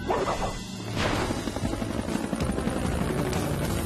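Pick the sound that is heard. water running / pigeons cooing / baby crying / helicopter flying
helicopter flying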